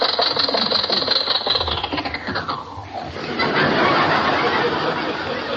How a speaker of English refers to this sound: What's the matter, Rochester? The red light's against us. Well, you don't have to shut off the engine to stop. I do until you get brakes.